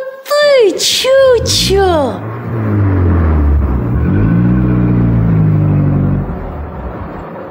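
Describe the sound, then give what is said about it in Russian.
A car engine accelerates, its low droning hum climbing steadily in pitch for several seconds, preceded by a few quick, high swooping squeals at the start. “А зачем Чучо ездит на машине?”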